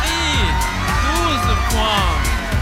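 A crowd in Bulgaria's small semicircle up in the Green Room cheers loudly and continuously after Australia's 12 points go to Bulgaria, with excited shouts and whoops rising over a dense wall of celebratory noise throughout.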